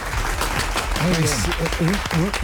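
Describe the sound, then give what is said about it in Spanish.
Applause from an audience for the men organizing a football match for Colombia, a dense, steady clatter of many hands clapping, with a man's voice speaking over it partway through. “Un aplauso para el esfuerzo que hacen estos hombres que sienten verdaderamente a Colombia.”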